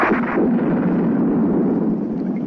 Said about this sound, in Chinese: 好大的雷声啊！ 刚才一定有个极强的闪电，我们要是能看得见呢，就不至于让雷声吓一跳了。